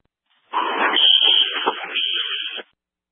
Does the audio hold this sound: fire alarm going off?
yes